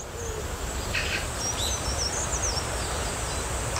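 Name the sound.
birds chirping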